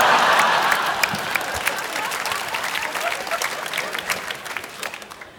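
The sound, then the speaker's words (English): A crowd applauds with dense, crackling clapping that starts loud and gradually tapers off over about five seconds, with a few sharper individual claps standing out. “No offense, but it's exactly the guy I thought would clap for that.”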